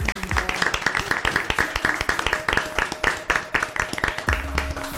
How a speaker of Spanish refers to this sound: Un aplauso.